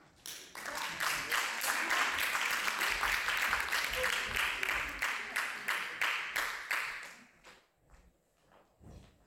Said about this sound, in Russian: А пока давайте, конечно же, искупаем в аплодисментах. Бурных аплодисментов.